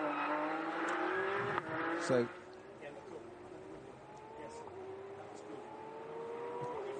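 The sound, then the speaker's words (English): Rolando Sacca's Mulner number 21 race car howls at high revs while setting a lap time, the car dancing and twitching, its pitch climbing and dropping sharply through several quick gear changes, while a commentator talks over it. “just looking at Rolando Sacca in the Mulner number 21 car, is certainly setting a time, having the car dancing and twitching away there as it went.”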